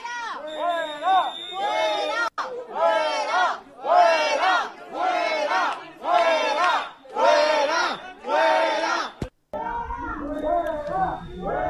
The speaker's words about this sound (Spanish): decenas de vecinos de esa localidad se concentraron a las puertas de una casa para evitar que fuera ocupada. Unos momentos de tensión en los que los asistentes increparon a los presuntos ocupas con gritos de fuera, fuera, y así es como se escuchaba.